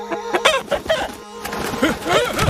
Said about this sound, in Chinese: 哎呀哎呀妈呀，是大公鸡呀，你别捉我呀。